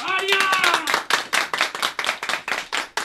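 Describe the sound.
A crowd at a public gathering breaks into steady applause to welcome the chairman of a communal harmony committee, many hands clapping in a dense, rhythmic patter for about three seconds, with a voice briefly audible over the opening moments.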